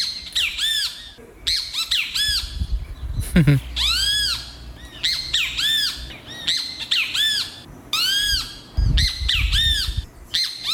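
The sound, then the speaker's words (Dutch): A small gritjabie bird in Suriname calls over and over, loud, in quick bursts of harsh, rising-and-falling squawking notes, with a low rumbling background underneath. “Dit is een gritjabie. Dat is een kleine vogel. En die maakt dit geluid.”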